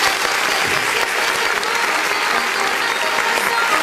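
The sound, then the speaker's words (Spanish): An audience claps steadily, a dense, continuous wash of applause that stays loud and even for several seconds without letting up. “Fuerte el aplauso a las 5 chinos.”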